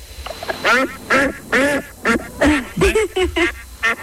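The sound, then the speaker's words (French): A duck quacks repeatedly and loudly, around nine nasal, honking calls in a quick irregular series with short gaps between them. “Moi, je fais pas le gardiennage de canard.”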